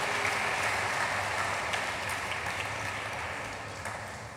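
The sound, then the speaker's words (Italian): Steady audience applause fills the whole stretch as former Italian Prime Minister Paolo Gentiloni is called onto the stage: a dense wash of many hands clapping at an even, sustained level that gently fades toward the end, with no voices over it. “Mi fate un applauso, per favore.”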